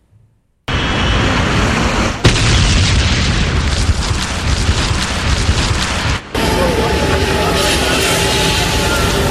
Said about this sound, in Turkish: Tekirdağ Çorlu güne patlama sesiyle uyandı. 6 katlı bir apartmanın en üst katında meydana gelen ve doğalgaz kaynaklı olduğu değerlendirilen patlamada adeta can pazarı yaşandı.